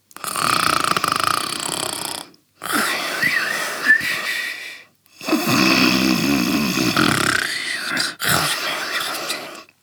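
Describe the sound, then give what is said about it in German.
Loud snoring in long rasping breaths from a father asleep on the floor, roughly four in a row with brief pauses between them. No one speaks. “Und da liegt er jetzt und schnarcht. Ganz laut.”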